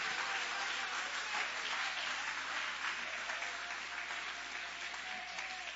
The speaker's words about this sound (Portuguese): Pode tomar o seu assento, igreja do Senhor. Isso, Deus, ocupe as suas mãos e aplauda, glorifique. Adore e exalte ao nome de Jesus.